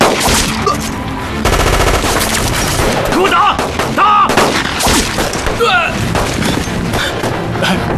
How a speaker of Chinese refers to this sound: 听枪声是老鸭嘴方向，大当家的应该是共军开始偷袭了。